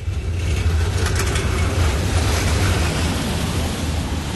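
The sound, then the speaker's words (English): A dense, continuous roar of city traffic at a busy junction in Prague, Czech Republic, with cars, vans, tourist buses and trams; deep engine rumble and a few brief metallic clanks of trams rise over the steady wash of passing vehicles. “At this junction in Prague, there are cars, vans, tourist buses I can see, clanking trams competing for space.”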